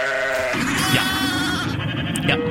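Several freshly shorn sheep bleat over one another in a steady, wavering chorus, their nasal, quavering calls overlapping loudly for a couple of seconds with no talking.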